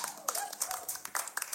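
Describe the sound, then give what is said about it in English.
A brief stretch of audience applause, with quick, irregular claps from several people overlapping, fairly soft overall. “So give it a round of applause.”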